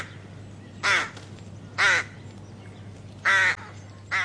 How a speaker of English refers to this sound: I'm like, it sounds kind of crowy to me. Mm. It's actually a rook. A rook.